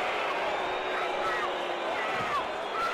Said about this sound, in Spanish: Era Messi, sí. Y no lo dejaron girar a Messi. Y los abucheos del público no se hacen esperar.